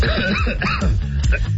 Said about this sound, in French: Et pendant que tout ça, ça me faisait tousser, hein? Oui. Il a fermé son micro pour tousser